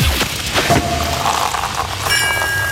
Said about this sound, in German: weil immer, wenn ihr bei uns die Sektkorken knallen hört, das klingt dann so.